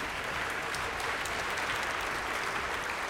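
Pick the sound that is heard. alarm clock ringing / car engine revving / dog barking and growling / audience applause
audience applause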